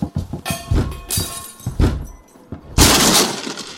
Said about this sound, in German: Sofort aufmachen oder wir brechen die Tür auf.